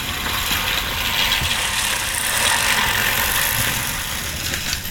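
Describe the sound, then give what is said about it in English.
A human-powered reel lawnmower whirs and clatters steadily, its spinning blades making a dense, rattling, ratchet-like clicking that holds at an even loudness for the whole stretch, with no voices. “The human-powered lawnmower.”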